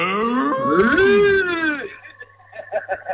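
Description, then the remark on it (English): A person gives a long, drawn-out imitation of a cow's moo, rising then falling in pitch, followed by a few short, breathy chuckles. “My daughter's been listening since 9 o'clock and she's like, when are they going to do the moo?”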